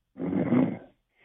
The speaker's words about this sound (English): He's sleeping. You can hear him snoring in the I background